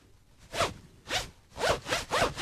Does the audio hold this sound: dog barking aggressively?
no